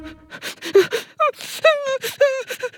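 A voice imitates a cuddly toy crying: gasping, sniffly breaths lead into several wailing sobs with falling pitch, repeated in uneven bursts, with no words spoken.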